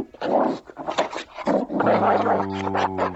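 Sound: dog growling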